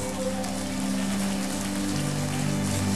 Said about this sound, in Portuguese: Aplauda!